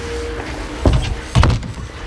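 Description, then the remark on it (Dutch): A café door is pulled shut: a solid knock followed about half a second later by a heavier closing thud, over a quiet hum with no one talking. “En zo hebben we in 1947 de deur definitief achter ons dichtgetrokken.”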